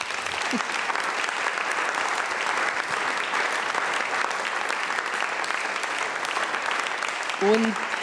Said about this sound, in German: Einen Applaus für Thomas Doss.